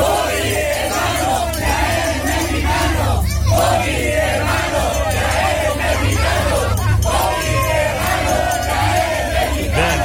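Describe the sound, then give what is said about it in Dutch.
A crowd of Mexican cycling fans chants together at a team bus in a loud, steady chorus, their massed voices rising and falling in rhythm throughout, with a low rumbling background underneath. “En zijn landgenoten die zorgden voor een beetje een voetbalsfeertje. Er waren gewoon spreekkoren bij de bus in het wielrennen.”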